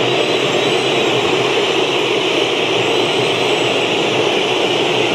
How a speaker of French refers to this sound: Impressionnant, c'est impressionnant. Ah ouais, franchement, je n'aurais pas imaginé ça. Écoutez ces sifflets.